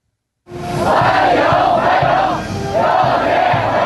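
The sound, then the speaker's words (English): A large crowd of Chinese teenagers chants "welcome" together in unison, loud and rhythmic, with repeated swelling shouts that pause briefly before the chant starts again, waving Chinese and American flags to greet President Trump on his arrival in Beijing. “And that's the sound of Chinese teenagers chanting welcome, waving Chinese and American flags in unison, greeting President Trump on his arrival in Beijing this morning”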